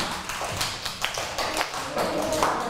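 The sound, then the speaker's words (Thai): Students in a class clap together for group 2, a dense wash of overlapping hand claps at moderate volume lasting a few seconds, with faint voices mixed in. “ขอเสียงปรบมือให้กับกลุ่ม2ค่ะ”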